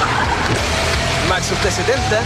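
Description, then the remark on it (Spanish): A deep, steady engine of a Maxus T70 pickup truck, a 2.5-litre turbodiesel with 221 horsepower, rumbles loudly and continuously, with a busy wash of noise layered on top and no clear pauses. “Ya llegó la nueva Maxus T70 con motor 2.5 litros turbodiesel, 221 caballos de fuerza, hasta 1130 kilos de capacidad de carga”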